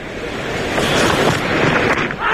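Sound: cricket crowd applauding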